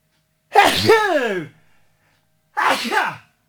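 Two loud sneezes, the first longer and forceful with a sharp burst and trailing wheeze, followed after a short pause by a second quicker sneeze.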